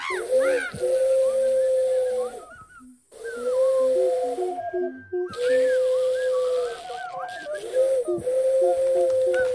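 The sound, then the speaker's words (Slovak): A person imitates an owl with long, wavering hoots, three drawn-out calls separated by brief pauses, fairly loud with a breathy, wheezing edge. “Piatok, ešte zahúkaj.”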